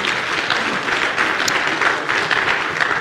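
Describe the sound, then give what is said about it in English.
An audience claps their hands for the Lord in sustained, dense applause, a steady loud wash of many overlapping claps with no single beat standing out, lasting the whole stretch. “Let's give the Lord a hand clap, would you please?”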